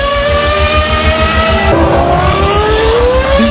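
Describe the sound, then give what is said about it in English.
Race car engines roar loudly, a high steady whine with a deep throbbing rumble underneath, the pitch dropping midway as a car rushes past. No voices. “And you'll hear the sounds of those cars in all those places.”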